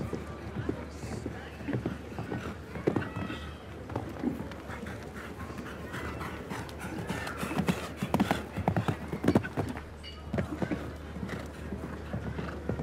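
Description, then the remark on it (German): A show-jumping horse, not yet very experienced at this level, gallops evenly and calmly in a jump-off, a steady, repeating rhythm of dull hoof thuds that carry on throughout, with a man's voice talking faintly underneath. “Lässt so ein bisschen mehr Gleichmäßigkeit, Ruhe im Galopp, weil das Pferd auch noch nicht allzu viel Erfahrung hat, diesem Level eben und besonders in einem Stechen.”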